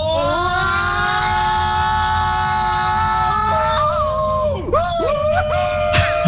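Several people scream together on the Kolossos roller coaster in long, sustained, high-pitched wails, their voices swooping and breaking near the end over a steady rumbling ride noise, loud; sent as a voice message from Vechta, Lower Saxony.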